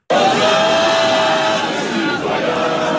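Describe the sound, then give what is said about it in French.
A crowd of France football supporters sings the Marseillaise together in a bar in Rennes at the final whistle of the match, a loud, sustained chorus of many voices with rough shouting mixed in, continuous for the whole few seconds. “Une Marseillaise qui résonne au coup de sifflet final et beaucoup de sourires sur les visages.”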